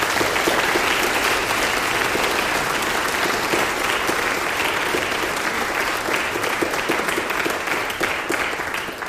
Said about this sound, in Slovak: Ja viem, že už ste tliskali veľa, ale toto si zaslúži potlesk.